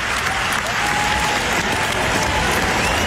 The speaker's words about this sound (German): Und was muss in Wimbledon passieren, damit die Leute neben den Ball wechseln so klatschen?